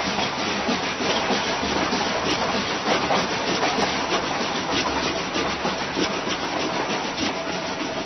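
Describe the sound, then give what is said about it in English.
An eraser rubs briskly against paper, creating a steady scraping rush with a faint rhythmic pulse that convincingly imitates a train rolling along the tracks, continuous for several seconds with no voices. “This one, that train was being propelled by an eraser rubbing on paper.”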